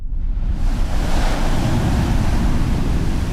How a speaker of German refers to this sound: Vor ihm der glitzernde Atlantik. Doch das Meer, das hier so sanft heranrollt, hat sein Dorf verschluckt, Fufeme. Es lag an der Westküste Afrikas in Ghana.